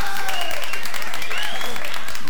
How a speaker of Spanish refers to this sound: Fuerte los aplausos